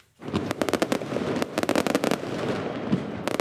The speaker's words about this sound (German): Mit deutlichem Vorsprung und viel Feuerwerk. So hat die linke Partei Vetvendosje von Premierminister Albin Kurti ihren Wahlsieg im Kosovo gefeiert.